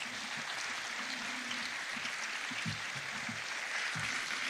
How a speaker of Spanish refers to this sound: a todo el equipo técnico y a organizadores, que esto se tiene que hacer de alguna manera y lo están haciendo increíble. Otro aplauso para ellos, por favor.